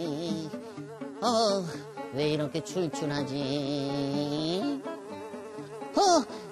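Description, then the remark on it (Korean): A dung fly's buzzing drones steadily throughout, rising and falling slightly in pitch, while a voice speaks briefly over it. “아니, 꽃가루가 수박공항엔 웬일? 아, 똥파리 비행사님이 태워주셨어요.”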